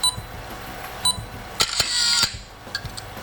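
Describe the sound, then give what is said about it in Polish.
Several sharp mechanical clicks, then a brief high-pitched electronic beep from a program counting down the seconds to photographing a document page while the space bar is held, ringing for a moment before more faint clicks. No one speaks. “Taki piszczący dźwięk tutaj się wydobywa w tym momencie.”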